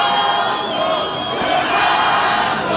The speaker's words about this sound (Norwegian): For flere hundre ivrige supportere har stått timesvis foran hotellet til Ronaldo. Og når stjernen endelig var å se, var det et publikum I høygir.